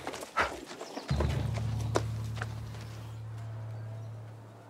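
horse-drawn cart

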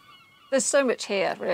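seagulls screaming

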